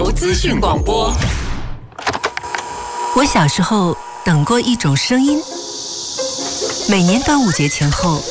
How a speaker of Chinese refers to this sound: 我小时候等过一种声音，每年端午节前后第一声蝉鸣，听到那一刻就知道夏天真的来了。